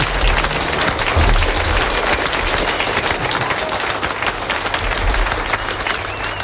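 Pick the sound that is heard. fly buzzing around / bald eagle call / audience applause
audience applause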